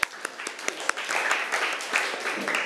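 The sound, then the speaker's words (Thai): A group of students claps for themselves after a correct answer in class, starting with a few sharp scattered claps that quickly swell into steady, dense applause lasting a couple of seconds. “เก่งมากปรบมือให้ตัวเองหน่อย”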